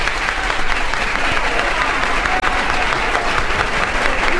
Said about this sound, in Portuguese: A maior do mundo. A salva de palmas mais longa da história do disco. A maior de todas.